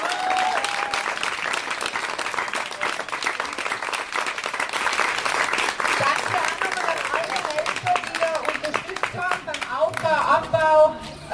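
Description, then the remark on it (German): Sustained audience applause for a band that has just played at a week-long community event: a dense wash of many hands clapping steadily for about eleven seconds, with cheering and whistles rising near the end. “Bitte nochmal einen großen Applaus.”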